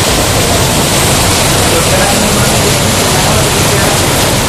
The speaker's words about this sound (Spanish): En todo caso, una gran tromba de agua que sonaba así en muchos puntos de la región.